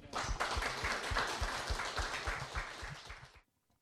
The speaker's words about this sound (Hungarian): nagyon szépen köszönjük, hogy itt voltál és mindezt elmondtad, egy nagyon nagy tapssal köszönjük meg.